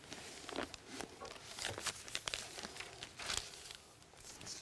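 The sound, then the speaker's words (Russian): Paper pages rustle and flip as a book is opened to chapter 12 of the Book of Revelation, a series of quick soft swishes and crinkles spread unevenly over a few seconds, with no talking. “Итак, 12 глава книги Откровения. Давайте мы ее откроем.”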